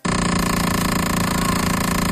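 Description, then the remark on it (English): A loud, harsh electronic buzz from the speedometer area of a van's dashboard kicks in abruptly when the starter is turned to start the van, and holds steady, rattling with a rapid, even pulse like an old dial-up modem. No one speaks. “When I start my van, it started over the weekend. I turn on the starter, and then all of a sudden, this noise comes from the speedometer area.”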